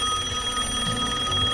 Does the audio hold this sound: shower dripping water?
no